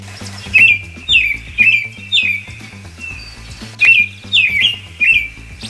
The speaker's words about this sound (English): On your next stroll outside, listen, really listen to birds trilling their amazing chorus of sounds.